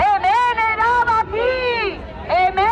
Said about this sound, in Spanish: Un día más, gritos de protesta en nuestras calles, jornada de huelga de los trabajadores de los ayuntamientos vascos, piden que se mejoren sus condiciones laborales, dice que llevan 16 años sin renovarse.